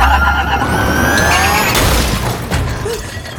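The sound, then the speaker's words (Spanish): A car lurches abruptly into motion, loud, with a rising engine whine and a sudden rushing surge of noise that gradually eases off. No one speaks. “No, como los programan, es... Hay que ir. Me toma... Arranca.”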